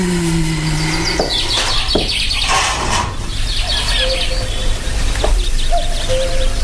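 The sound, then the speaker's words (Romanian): A lively chorus of birds chirps and sings continuously, with a few lower, hooting calls of a cuckoo, against a steady outdoor background at sunrise under a clear sky. “Păsările au început cu limbuția lor. Cucu s-aude cântând.”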